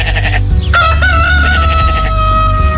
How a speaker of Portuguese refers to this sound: O galo. O galo cantou.